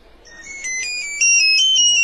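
A mobile phone ringtone plays loud, a newly changed bright electronic melody of stepped high tones that grows louder partway through and keeps ringing with no one speaking.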